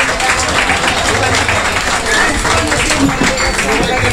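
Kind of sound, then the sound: crowd, audience applause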